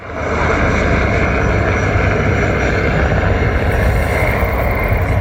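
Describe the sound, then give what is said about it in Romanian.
A loud, steady engine drone roars overhead without pause, a dense buzzing hum of a drone flying overhead. No one speaks. “Drona, ți-a auzit-o?”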